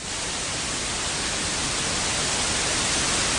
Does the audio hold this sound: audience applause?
no